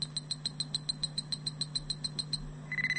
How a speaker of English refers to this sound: This is the story of Star Trek, the motion picture. You can read along with me in your book. You will know it is time to turn the page when you hear the communicator beep like this.